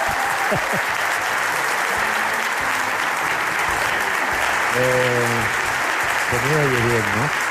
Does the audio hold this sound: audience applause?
yes